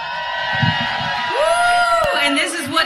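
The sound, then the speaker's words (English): A festival crowd at the Ocean City Jazz Festival cheers loudly for the band, with rising whoops and yells cutting through the steady roar of many voices, the shouts climbing and falling in pitch over a few seconds. “WNCU, Ocean City, show some love.”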